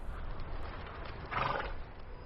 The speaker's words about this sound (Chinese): 他看到了朝鲁的马，就骑马过去，发现朝鲁躺在草地上。